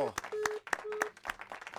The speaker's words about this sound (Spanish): por favor, fuerte el aplauso.